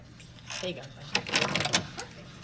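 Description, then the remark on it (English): A key card taps against the lock of hotel room door 411, followed by a series of mechanical clicks and clunks as the latch releases and the door swings open. “He takes his key and touches it to the door lock.”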